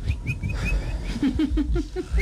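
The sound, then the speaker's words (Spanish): A man hiding up a tree imitates a little bird, whistling a string of short, bright chirps and tweets in quick succession, moderately loud, with no talking. “Entonces llegó y empezó a hacer como un pajarito.”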